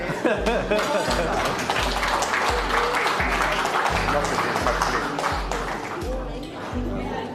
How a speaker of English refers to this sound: You can clap now.